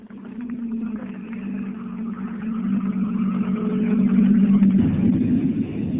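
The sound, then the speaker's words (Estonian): A rally car, number 69, arrives at the finish of its second run. Its engine hums with a steady low drone that grows gradually louder, then turns rougher and throatier toward the end, with no one speaking. “Aga lõpuni tuleb kohe auto numbriga 69”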